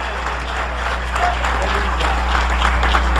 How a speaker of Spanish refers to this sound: Dale ese aplauso de poder a Jesús. Aleluya.